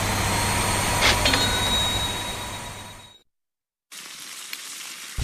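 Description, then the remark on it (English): Steady crackling sizzle of an egg frying in a hot pan, fairly loud, cutting out briefly to silence before the hiss resumes slightly quieter. “When it's hot enough to fry an egg on the driveway”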